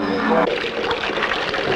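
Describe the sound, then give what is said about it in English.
A brief tonal sound gives way to a steady rush of trickling, pouring water, fairly loud, with a continuous bubbly splashing texture to the end. “Could we have some more water, please?”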